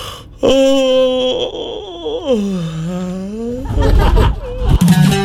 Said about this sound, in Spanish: Sonido que lo dicen todo, como un bostezo.